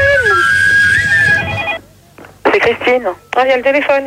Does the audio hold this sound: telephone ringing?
yes